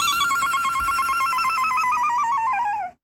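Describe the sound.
A shrill electronic ringtone warbles rapidly between two close pitches, loud and steady for about three seconds before cutting off, with no voices present.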